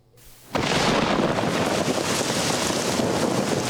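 After a brief moment of quiet, heavy rain and wind that have damaged the crops burst in abruptly, a loud, steady, dense roar of hiss that continues unbroken to the end, with no voices.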